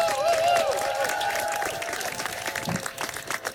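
An audience breaks into sustained applause, a dense wash of clapping with some whoops and cheers rising above it early on before the noise settles into steady clapping.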